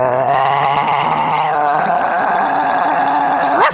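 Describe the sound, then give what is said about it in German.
A voice imitates a big dog growling, a loud, rough, gargling rumble held steadily for several seconds before rising briefly at the end, with no other talk. “Der Hund wird immer größer.”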